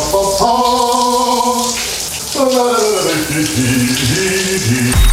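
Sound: shower water running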